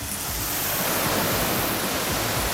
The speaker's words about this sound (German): hat im Gehege der Alpakas den Wasserschlauch schon in der Hand. Na dann, kann losgehen. Okay, dann machen wir Wassermarsch.